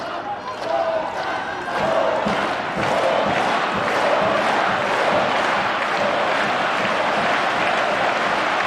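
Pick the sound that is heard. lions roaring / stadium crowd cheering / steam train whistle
stadium crowd cheering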